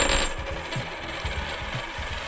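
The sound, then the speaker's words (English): A tossed coin lands heads on a hard table with a bright metallic ring, then rattles and spins down in a quick series of fading clinks over about two seconds, fairly loud, no voices. “it's going to be heads for ice cold, and it's going to be tails for cold as ice”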